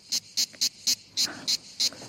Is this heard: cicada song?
yes